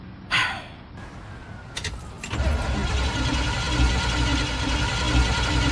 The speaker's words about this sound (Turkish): Kontak anahtarın olabilir. Evet. Bu marş motorun.